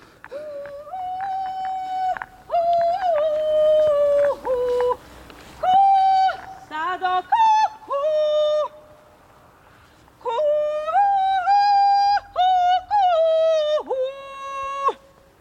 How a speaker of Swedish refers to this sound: Du, det där, vad var det där vi hörde? Jo, men jag står här och övar på ett lockrop eller en liten kulningsmelodi.